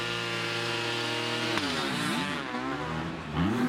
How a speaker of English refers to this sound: And this is interesting because it is two stroke against four. They're both 250cc engines. The four stroke, very controllable power. The two stroke, very explosive.